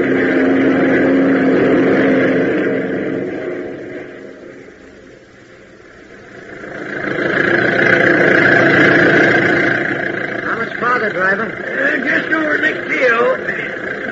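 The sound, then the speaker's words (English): An old car engine drones loudly and steadily, eases off briefly, then revs back up and labours on climbing a hill. Voices talk over the engine noise toward the end. “I heard that, young feller, and I'll have you know this car's as good as the day she was made.”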